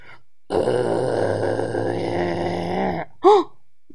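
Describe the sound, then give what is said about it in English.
A voice imitates a giant whale burp: one long, low, croaking belch rumbling for about two and a half seconds, then a brief, higher rising-and-falling vocal blip. “Oh, that whale did a giant burp, didn't he?”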